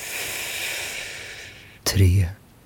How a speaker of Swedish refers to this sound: Andas in.